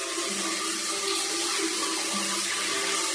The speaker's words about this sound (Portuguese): E as duas entraram de roupa e tudo debaixo do chuveiro e tomaram aquele banho gostoso.